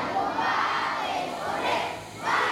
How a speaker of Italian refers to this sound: Non arrivano neanche i kit scolastici nelle scuole, una fornitura invece arriva dall'Italia, portata dalla carovana di parlamentari e associazioni ONG che i bambini salutano cantando l'inno nazionale.